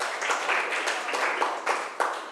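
Students in a classroom clap steadily for a couple of seconds for the representative of group 1, a dense patter of many hands at moderate loudness with no voices.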